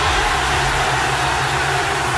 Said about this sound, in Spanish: Y así se escuchó el estallido de emoción tras el triunfo de Inglaterra, esto en Londres, registrado en Wembley, la madrugada inglesa.